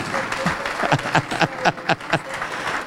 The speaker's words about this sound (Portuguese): Vem cá e vamos aplaudir o Senhor Jesus por cada vida que está chegando. Ô, glória!